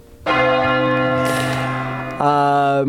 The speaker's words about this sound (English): Do you want to ring which bell do you want? Big bell, little bell? Big bell.